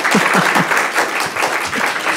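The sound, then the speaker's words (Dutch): A small live audience applauds steadily, a dense patter of many hands clapping at once with a few individual claps standing out, and no talking over it. “We hebben een klein, maar fijn publiek. Laat u maar eens horen, dames en heren.”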